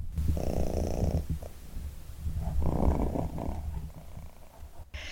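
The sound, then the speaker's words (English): A cat purrs steadily while sitting on a person's lap, a low rumbling drone that swells and eases in slow rhythmic cycles with each breath, with no talking over it. “She's just sat here on my lap, purring away.”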